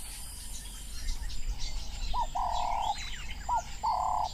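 Wading birds, such as three-banded plover, black-winged stilt and blacksmith lapwing, call at a marsh at sunset: a few steady, mid-pitched trilling notes repeat in bursts, with fainter higher chirps and a constant low rumble underneath. No one speaks.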